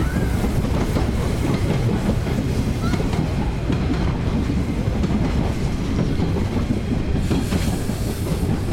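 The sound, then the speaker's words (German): A locomotive comes back and drives through, rumbling past with steady, loud low-pitched clatter and wind noise throughout, and a brief, faint horn note sounds again near the start. “Jetzt fährt er durch, hupt noch mal Wind und Stoffabflug.”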